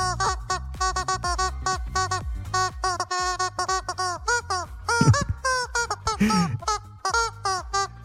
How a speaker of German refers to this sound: Dabei hilft uns das verrückte Huhn, hier so quietscht hier für Hunde, kennt ihr, ne? Wir quietschen damit Hits aus dem besten Mix, heute diesen hier.